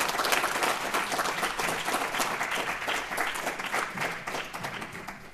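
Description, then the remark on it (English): An audience at a talk bursts into sustained applause before questions are opened, a dense, steady patter of many hands clapping at an even loudness throughout, with no voices rising above it. “First, let's have a round of applause.”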